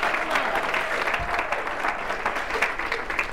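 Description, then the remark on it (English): A room full of people applauding a speaker's account of winning the Toastmasters world championship, steady and dense clapping that sustains evenly throughout without breaks, fairly loud, with no talking over it. “Now you clap, but can you feel the haters in the room?”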